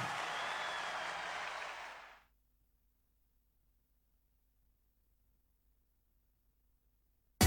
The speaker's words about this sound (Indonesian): sama-sama kita berikan tepuk tangan yang terbaik hanya buat Allah kita.